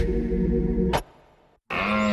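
A red deer stag bellows loudly in a Little John Bikes advertisement, a deep, rough roar that breaks off, falls silent for a moment, then starts again with a rising, strained call.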